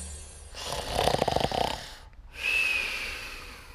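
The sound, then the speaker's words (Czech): A person snores loudly: a long, rattling inhale that vibrates coarsely, a brief pause, then a hissing, breathy exhale with a faint whistle. “… chrápe jako dřevorubec.”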